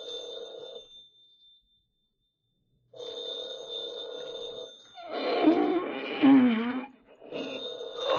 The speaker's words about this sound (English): Arise, Markheim, and do answer the phone.